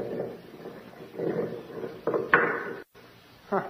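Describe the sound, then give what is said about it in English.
A heavy stone door with a ring in it grinds and scrapes open onto a basement, with a few dull knocks and thuds partway through, moderately loud, ending in a brief silence and one last bump. “There's a stone door with a ring in it.”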